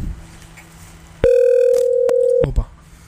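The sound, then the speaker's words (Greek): A single loud telephone ring tone on a call-in line, one steady electronic burst lasting just over a second, followed by a brief click on the line, with no one speaking. “Λοιπόν, τηλέφωνο.”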